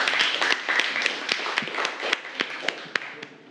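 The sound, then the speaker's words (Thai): A crowd of people applauding a second student artwork as it is presented, with dense overlapping claps and a few sharper individual hand claps standing out, gradually thinning toward the end. “เดี๋ยวเรามาดูผลงานชิ้นที่2กันต่อนะครับว่าผลงานชิ้นที่2จะออกมาในรูปอะไรนะครับแล้วก็มีลักษณะเป็นยังไงขอเสียงปรบมือให้ผลงานชิ้นที่2ครับ”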